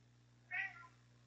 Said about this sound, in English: My cat Tater Tot here in the background asking for food as usual.